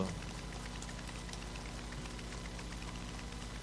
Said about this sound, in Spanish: ¡Fuerte el aplauso para despedir en vivo a quién!